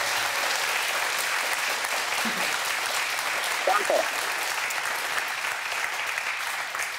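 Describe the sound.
A studio audience applauds steadily for several seconds to greet a phone caller. It is a dense wash of many hands clapping at an even, fairly loud level, with a brief murmur of voices underneath.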